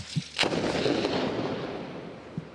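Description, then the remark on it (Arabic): A military strike by Israeli occupation forces hits a car. One sharp, loud blast is followed by a long, rolling rumble that slowly fades. A soft thud comes just before the blast and another near the end. The sound seems close. “الآن تم استهداف سيارة من قبل قوات الاحتلال الإسرائيلي. يبدو الصوت قريبا منكم.”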